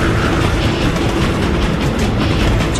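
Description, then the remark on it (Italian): A loud freight train rumbles past, a dense, steady low roar of rolling wagons with faint rhythmic clatter throughout, no voices present. “Sti numeri dicono che fra 12 secondi un treno merci entrerà nello studio dove sta registrando il doppiatore di questo film.”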